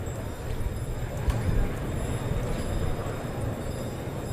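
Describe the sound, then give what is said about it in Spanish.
Heavy Hispano-Breton draft horses' hooves clip-clop steadily on hard ground as they come out to haul away the bull at a bullfight, partly buried in a dense, continuous wash of outdoor crowd noise and murmuring voices. “Salen los hispano-bretones.”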